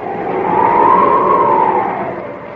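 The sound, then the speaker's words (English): A car carrying Kent and Lois Lane drones steadily as it climbs the dark, winding road up Music Mountain in the evening, its engine pitch swelling and easing, with no voices, lasting a few seconds. “Late the following evening, Kent and Lois Lane in another car ascend the dark and winding road up Music Mountain.”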